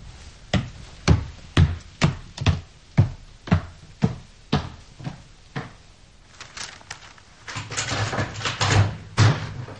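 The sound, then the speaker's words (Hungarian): The door to an old study room, full of dust and cobwebs, opens and closes amid a steady series of sharp wooden knocks and thumps, followed by a busier stretch of rattling and creaking. Fairly loud, with no voices. “Csukja be, kérem, az ajtót.”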